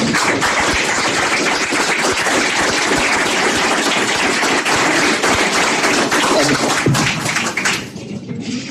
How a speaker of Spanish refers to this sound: Como respaldo fundamental, como respaldo fundamental a la realidad de gestión de la comisión directiva, que la banca asamblea brinde el apoyo. Un cálido aplauso.